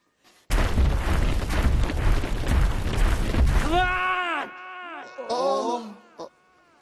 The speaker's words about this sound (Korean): 요정들, 꼭 그렇게 우당탕 발소리를 내야겠나? 그러면 아래층에 사는 분이 얼마나 시끄럽겠어?